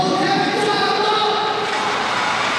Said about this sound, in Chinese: 那么这个时候呢，球场的第12人的作用就凸显出来了，现场的莆田的主场观众在为主队呐喊助威，这种心灵的力量啊是非常难得的。